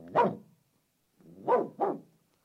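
A dog barks three times: a single sharp woof, a pause of about a second, then two quick barks in succession. Moderately loud, with no voices.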